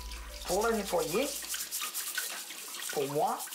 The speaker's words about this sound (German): Ich wasche sie unter fließendem Wasser ab. Mit der Bürste. Ich schrubbe damit die Erde, den Dreck von der Haut.